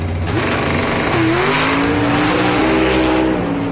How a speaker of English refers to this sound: Then with a burst of speed, he passed him. His go-kart was so fast, he nearly lapped the other drivers.